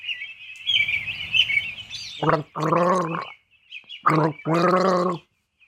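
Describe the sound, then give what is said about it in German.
Someone gargles water: a bubbling, wet rattle under a thin high whine, then several loud voiced gargling bursts with a throaty, buzzing tone, each lasting under a second. “Jetzt wird gegurgelt und Sie dürfen raten, was es ist.”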